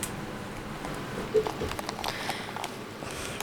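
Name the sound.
heavy rain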